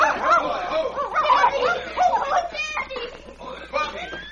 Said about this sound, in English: We were coming along the trail and heard the dogs barking.